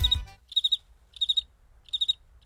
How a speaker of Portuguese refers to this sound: Aqui também eu tenho uns grilos de casa. Aqui eu tenho uns grilos que eu trago de casa, ó. Escuta só meus grilinhos, ó.